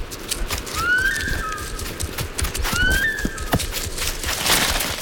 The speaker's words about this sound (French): elle pousse son cri d'alarme. C'est un sifflement spécifique qu'on entend jusqu'à 1 kilomètre à la ronde.